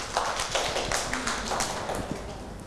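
A group of children clap their hands in a fast, uneven patter of sharp claps. The applause stays steady and fairly loud throughout, with no voices over it.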